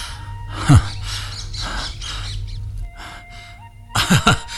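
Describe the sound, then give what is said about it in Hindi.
A pet parrot named Mitthu chirps in short, sharp bursts, with one call near the start and a quick cluster of louder squawks at the end, over a low steady hum. “अरे अरे मिट्ठू, अरे मेरे तोते, आओ आओ आओ आत्मा राम।”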